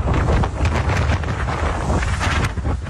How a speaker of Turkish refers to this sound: Sarıyer'de saatteki hızı 50 kilometreyi bulan şiddetli rüzgar ağacı devirdi.